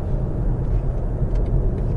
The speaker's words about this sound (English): Just went from 50 miles an hour to 70 miles an hour with the flex of me right big toe. Now cruising at 70 miles an hour, very little wind noise.